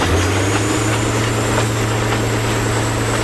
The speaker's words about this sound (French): Nous montons à bord d'un X2800, un autorail des années 60 surnommé Bleu d'Auvergne en raison de sa carrosserie bicolore, bleu et blanc. Il a un puissant moteur de 825 chevaux.